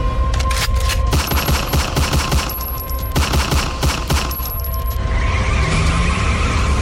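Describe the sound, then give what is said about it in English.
Rapid bursts of loud gunfire crackle in dense volleys over a roaring engine, the shots tapering off near the end as the vehicle noise continues alone. “Shoot it.”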